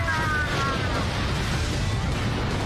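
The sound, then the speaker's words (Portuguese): A loud, roaring fire cannon blast that holds steady for a few seconds, a dense rumbling whoosh with a brief rising whine at the start, continuous, with no talking. “Está pronto, Firecom? Mega! Canhão de fogo!”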